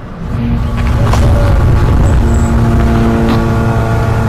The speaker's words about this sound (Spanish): Ese sonido que no sé si se puede apreciar, sí, que son los drones israelíes.